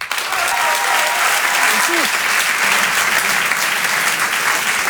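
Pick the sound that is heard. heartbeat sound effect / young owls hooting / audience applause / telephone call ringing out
audience applause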